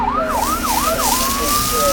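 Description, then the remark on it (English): A fire engine siren wails loudly, sweeping up and down in quick repeated cycles before settling into a long steady tone, with traffic rumble underneath. “Sometimes firefighting sounds like this.”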